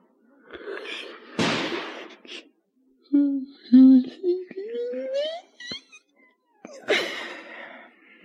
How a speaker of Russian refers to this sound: Ой, что, это стреляют?